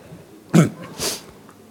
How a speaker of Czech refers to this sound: Smrkneme